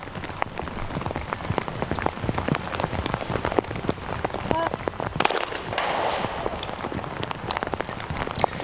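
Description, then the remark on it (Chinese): Steady light rain in Nagoya, where it has rained for four days, patters across the whole recording during a sports competition, a dense spray of small drops with a few sharper taps standing out. “我们现在能够听到啊，这个声音有淅淅沥沥的雨声啊。”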